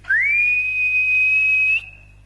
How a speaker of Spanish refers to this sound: Ya iba a saltar el alambrado limpito cuando sintió un silbido como de ánima, ¿no?